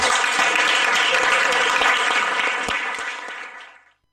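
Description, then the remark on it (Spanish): A crowd applauds steadily, dense overlapping claps at a constant loudness for a few seconds, then the clapping thins and fades to silence. No one speaks. “Así que sin más, un aplauso grande a la...”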